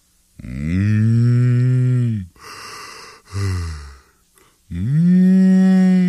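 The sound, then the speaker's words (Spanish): A voice imitates a spotted cow with two long, drawn-out moos, loud, separated by a breathy sigh and a short gasp. “Uno de esos días, la vaca pinta andaba mugiendo por ahí como sonámbula sin ver ni por dónde andaba.”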